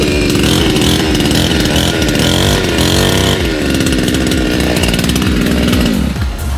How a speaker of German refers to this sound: Jetzt habe ich Angst, was passiert mit dieser Motorsäge. Oh Gott, jetzt kommt die extra Würze. Nein, das ist eine Motorsäge, da ist eine Pfeffermühle dran. Nein.